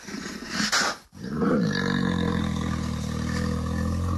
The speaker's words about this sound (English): That is so scary. Grizzly bears, they live around North America and Canada.